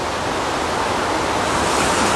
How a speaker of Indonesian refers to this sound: Hari ini kami mendengar debur ombak pantai berpayung langit biru.